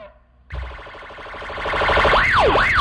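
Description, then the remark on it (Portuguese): A police car siren starts abruptly as the vehicle is switched on and grows louder, first a rapid warbling pulse, then a rising and falling wail sweeping up and down twice, dominating. “A viatura falhou? Agora ligou.”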